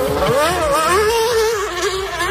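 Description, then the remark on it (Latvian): A Formula racing car engine screams in a high, buzzing whine, its pitch rising and dipping slightly as it holds steady and loud for a couple of seconds, with no voices. “Formula tā ir, formula.”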